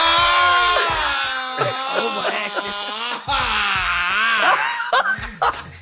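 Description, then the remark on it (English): A person lets out loud, drawn-out primal screams on the Steve Harvey Morning Show radio broadcast in Atlanta, wavering and breaking into groaning, laugh-like bursts across several seconds, with short breaths between the cries. “You're going to have to let out some primal screams. Or some guttural sounds.”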